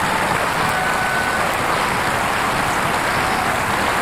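Steady, dense applause from an audience, many hands clapping together in a continuous wash of sound that holds at an even, fairly loud level for about four seconds, with no voices.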